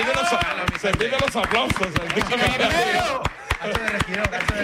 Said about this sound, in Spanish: Adelante el mozo. Venga, aplausos. Sí, señor.